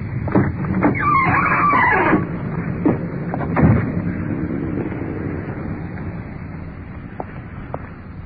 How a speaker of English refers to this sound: The uniformed car is pulling up in front with a suspect.